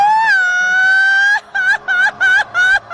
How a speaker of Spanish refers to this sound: Échate tu grito mexicano. ¿Ya de una vez? De una vez.